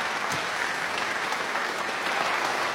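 Steady applause from an audience, a dense, even wash of many hands clapping that holds at a constant loud level throughout, with no voices standing out.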